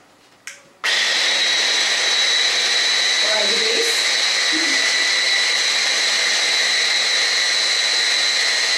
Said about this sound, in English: And then we can mix all together in blender.